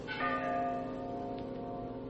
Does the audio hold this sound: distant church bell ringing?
yes